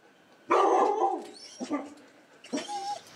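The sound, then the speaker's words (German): Several dogs bark in short, overlapping bursts at a dog daycare in the List district of the state capital, one loud harmonic bark followed by a few smaller yaps and another outburst, with a slightly echoing sound. “Weil im Alltag nicht immer genug Zeit für die Vierbeiner bleibt, gibt es die Hundetagesstätte im Stadtteil List.”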